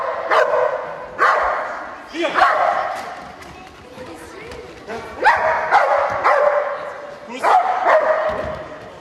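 The dog Erna from the Eisleben animal shelter at Sandgraben barks repeatedly and loudly during a demonstration, about half a dozen sharp barks at irregular intervals, some with a whiny, drawn-out tone, over a low background murmur.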